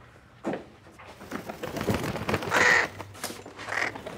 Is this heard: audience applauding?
no